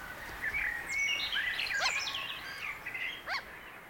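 Gulls call repeatedly in the pre-dawn dark, several thin, overlapping cries rising and falling over a quiet, steady outdoor background with no voices; it is very chilly, about 1 or 2 degrees above zero, two hours before dawn.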